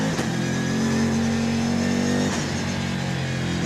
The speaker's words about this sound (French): je vous décris un petit peu la bête. 1250 kg, 600 chevaux, toute la puissance au roue arrière. Le V8, c'est un V8 biturbo.